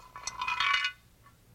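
A chicken bone clatters into a frying pan with a bright, hollow metallic clink that rings briefly, then a faint second tap follows. No one speaks.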